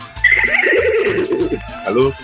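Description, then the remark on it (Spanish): A human voice on a radio show mimics a horse's whinny, calling itself the little horse, the pony: a loud, quavering call that starts high and wobbles downward for about two seconds, ending with a short rising squeal. “Aquí reportándose el caballito, el pony.”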